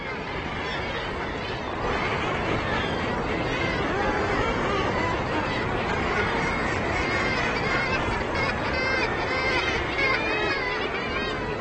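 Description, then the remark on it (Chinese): A dense seabird colony of tens of thousands of gulls, fulmars and guillemots nesting on a sea cliff in spring fills the scene with continuous overlapping calls, gull cries and harsh guttural chatter blending into a loud, steady hubbub with no pauses and no clear individual voice. “春天，数以万计的海鸥、管鼻户和海鸠会在那里筑巢，足以让几个狐狸家族衣食无忧。”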